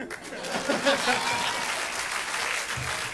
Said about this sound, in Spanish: Aplaudan.